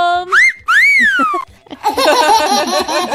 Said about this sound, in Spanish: Dije, no se escuchó. Me silbi, dame un silbidito.